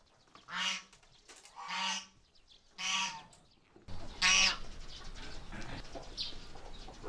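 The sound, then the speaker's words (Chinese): Two geese, Guoguo and Fubao, kept by a herder on the grassland, honk loudly at feeding time: three evenly spaced nasal calls, then a harsher, louder honk against a steady background rustle and hiss. “和他一起来的还有另一只鹅，福宝。”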